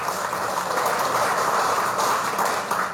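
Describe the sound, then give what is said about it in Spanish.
Sustained applause from a large crowd welcoming former president Evo Morales Ayma to speak, a dense, steady wash of many hands clapping at even loudness for the full three seconds, with no voices standing out. “Voy a pedirles un fuerte aplauso para recibir las palabras de nuestro hermano Evo Morales Ayma.”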